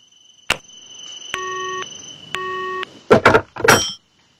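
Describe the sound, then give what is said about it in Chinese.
A click, then two steady electronic telephone beeps about a second apart as a police inspector hangs up the phone, followed by a couple of clattering knocks as the handset is set down. “警督回答完，挂断了电话。”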